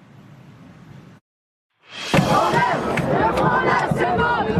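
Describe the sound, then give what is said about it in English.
A low, muffled murmur stops for a moment of silence. Then a loud crowd of thousands of student protesters in Bastille Square, Paris, France, erupts into sustained, overlapping shouting and chanting, with sharp cries rising above the roar. They are marching and demanding more government money for schools as police fire tear gas. “Thousands marching in the streets demanding more money for schools.”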